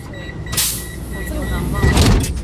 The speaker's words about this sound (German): Alles in Wien ist in Bewegung. Auf der Rolltreppe geht's nach unten. Die U-Bahn fährt ab.